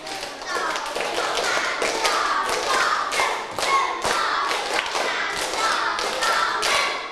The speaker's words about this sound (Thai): พร้อมปรบมือเป็นสเต็ปหนึ่งรอบ